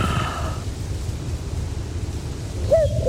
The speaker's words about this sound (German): Ah, Kuckuck